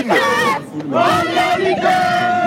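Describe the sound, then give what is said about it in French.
A football crowd at Stade Bonal roars and chants celebrating promotion to Ligue 2, many voices shouting together in sustained, loud bursts with a brief dip before the cheering surges again. “Écoutons l'ambiance.”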